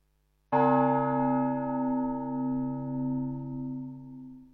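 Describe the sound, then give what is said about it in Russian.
A single strike of a large church bell in Russia, loud, followed by a long, rich ringing hum that slowly wavers and pulses as it fades, with no voices. The bell ringing announces the start of a church service. “Колокольным звоном дают знать, что начинается богослужение, отмечаются самые главные моменты богослужения.”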